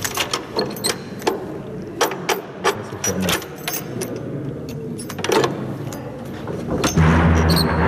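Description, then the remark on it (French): A run of sharp metallic clicks and rattles of keys and a lock being worked in the disused Forest prison in the Brussels region gives way near the end to a heavy door swinging shut with a loud, low, resonant rumble. “Une lourde porte se referme.”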